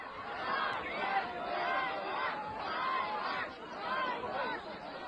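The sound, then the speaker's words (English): A large crowd in Lviv, Ukraine, jeers at military recruiters, whose jeep it turned over, and shouts "shame" in loud, rhythmic swells, the chant rising and falling roughly every second and a half over a constant roar of many voices. “They're shouting shame.”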